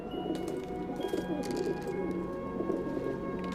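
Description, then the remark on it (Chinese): Pigeons being fed late in the evening coo steadily in a low, murmuring chorus that runs the whole time, soft throaty burbles overlapping with a faint hiss in the background and no one speaking. “老公啊，这么晚了才喂鸽子啊？”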